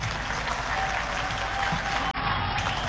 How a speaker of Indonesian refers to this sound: Yang kami hormati, kami banggakan Bapak Presiden Republik Indonesia, Bapak Haji Prabowo Subianto. Tepuk tangan untuk beliau.